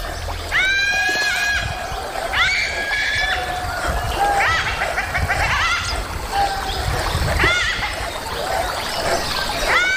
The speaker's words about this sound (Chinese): 柴群惊恐地尖叫。